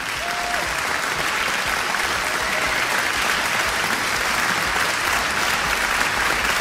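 An audience applauds steadily after a word is spelled correctly in a spelling quiz, dense clapping at an even loudness filling the whole stretch, with no voices standing out above it.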